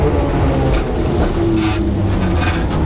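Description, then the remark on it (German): A tram rattles past on a busy shopping street, the Ostertor Steinweg in Bremen, a loud, steady rumble with intermittent metallic clatter and hissing bursts over constant traffic noise. “Wir hören ab und zu die Straßenbahn rattern und verschiedene Geschäfte hier.”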